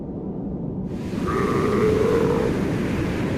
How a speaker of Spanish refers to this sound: Las focas del Océano Antártico viven entre dos mundos, el hielo y el océano.